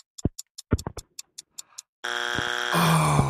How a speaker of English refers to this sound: Oh. No. That's your buzzer,